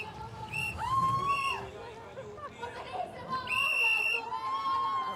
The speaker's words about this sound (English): Lots of shrieking and whistling going on here.